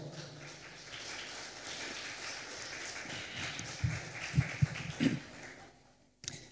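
An audience, asked for a round of applause, claps in a dense, steady patter for about six seconds, with a few heavier thumps near the end before it breaks off abruptly. No one speaks.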